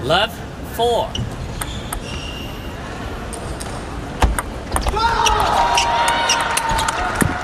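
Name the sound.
table tennis ball rally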